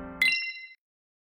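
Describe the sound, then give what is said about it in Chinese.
The hourly time-signal chime of Henan Economic Radio FM 103.2 marking 11 o'clock Beijing time: a low buzzy tone cuts into a single bright, ringing ding that sustains for about half a second before stopping abruptly, followed by silence. “河南经济广播 FM 103.2，准确对时，现在是北京时间11点整。”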